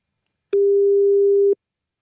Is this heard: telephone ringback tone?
yes